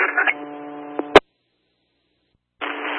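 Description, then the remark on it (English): Band-limited radio static with a steady buzzing tone, cut off by a sharp squelch click, then about a second and a half of silence before the hiss returns. “copy, static.”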